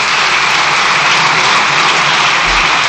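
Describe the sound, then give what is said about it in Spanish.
Deputies in Spain's parliament, during a government control session, keep up a dense, steady roar of applause, countless hands clapping together into an even wash of sound with no individual claps standing out and no voices. “Extienden los diputados en el aplauso.”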